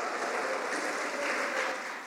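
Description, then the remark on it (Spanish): A crowd gives a strong round of applause to the Lord, many hands clapping together in a dense, sustained burst that stays loud throughout, tapering slightly at the end. No one speaks over it. “¿Cuántos pueden darle un fuerte aplauso al Señor, hermano?”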